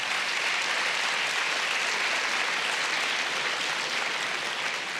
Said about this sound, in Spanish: Dale un fuerte aplauso al nombre del Señor.